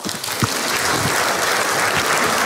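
An audience applauds steadily, a dense wash of many hands clapping at close range that holds at a consistent loud level throughout, with no voices standing out.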